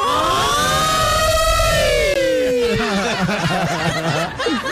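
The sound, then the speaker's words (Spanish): A voice imitates an alarm siren with one long, high wailing tone that swells and then slides downward, followed by bursts of laughter. “Así hizo la alarma.”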